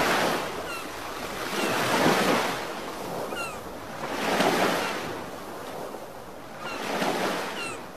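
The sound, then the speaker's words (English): Surf rolls onto a beach in three slow, broad surges, each wave swelling and then washing back into a steady hiss of foam. The sound is full, with no voices. “Mute the city. Turn up the Corona. Corona. La Playa awaits.”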